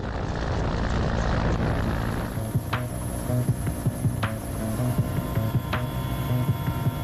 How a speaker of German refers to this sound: Es gibt Situationen, in denen ein Hubschrauber aus dem einen oder anderen Grund nicht landen kann.